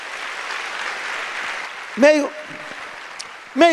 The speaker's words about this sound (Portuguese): Dê a melhor salva de palmas ao Senhor.